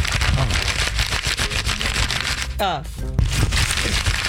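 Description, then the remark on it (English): Steady rustling and crinkling of paper sheets, dense crackly handling throughout, with a brief voice cutting in near the end. “It's a lot of paper for an email.”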